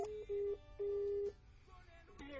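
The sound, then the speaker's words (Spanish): On a phone call sent to voicemail, a series of steady electronic phone tones: three short-to-long beeps at one pitch, followed by a quieter low-level line hiss, like the tones before a voicemail recording begins. “La llamada se cobrará al terminar los tonos siguientes.”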